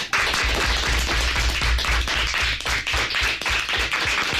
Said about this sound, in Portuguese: que se hagan notar también los aplausos en el estudio José Hermida de Radio Pontevedra de los alumnos de quinto y sexto del CEIP Nosa Señora das Dores de Forcarei, que vinieron a conocer a Radio por dentro. Así que, rapaces, que se vos faga notar.